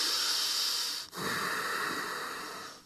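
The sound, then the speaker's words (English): Loud, noisy breathing demonstrated during yoga practice: a long airy exhale, a brief pause, then another rushing breath with a hissy, slightly wheezy texture, no talking. “Try not to breathe on this way.”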